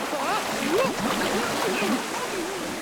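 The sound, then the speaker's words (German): Rushing, splashing, cold water churns steadily throughout, a dense wash of wild, bubbling, foaming turbulence as someone steps into it. A voice speaks over it. “Abgesehen von der Kälte war es auch sonst kein Spaß, in dieses sprudelnde und schäumende Wasser zu steigen. Schön wild das Wasser hier!”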